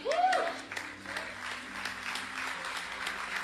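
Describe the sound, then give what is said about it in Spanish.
An audience applauds, a dense, steady wash of many hands clapping for a few seconds, with a brief vocal cry rising above it at the very start. “Si ese aplauso equivale a la revelación, necesitamos continuar pidiéndole a Dios que nos dé el entendimiento.”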